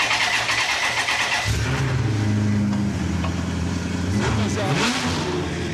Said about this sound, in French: T'as le logo Maserati sur le moteur. Donc ça fait 400 chevaux, t'as la boîte F1 au volant avec les palettes. Tu peux faire tourner, ça fait vraiment un bruit de Maserati.